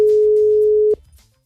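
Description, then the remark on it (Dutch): A steady, single-pitched telephone ringing tone, heard while phoning a friend, sounds loudly for almost a second, then cuts off abruptly, leaving faint background noise. “Ik ga mijn vriendin bellen. Luister, dat ging zo.”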